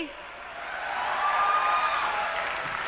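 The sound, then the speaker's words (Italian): An audience in Brescia applauds steadily, a dense wash of clapping that swells slightly in the middle and then eases off, with a faint whistle rising briefly above it. “Un applauso a voi!”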